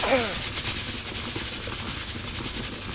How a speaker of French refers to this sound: En fait, dans la cocotte minute, l'eau chauffe, donc elle fait de la vapeur. Et comme elle est enfermée dans la cocotte, elle veut sortir. Alors elle pousse à fond pour s'échapper, et quand elle réussit, ça fait...